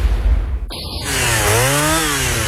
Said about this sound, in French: Tronçonneuse.